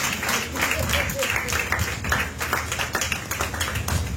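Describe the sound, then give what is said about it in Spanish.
A crowd claps steadily and energetically, a dense wash of many hands sustained evenly for several seconds, with a murmur of voices mixed in. “Déjenme la prenda de palmas al Señor.”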